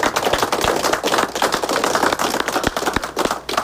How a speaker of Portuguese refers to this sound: Me quero abrir e pedir um aplauso para nós, por favor.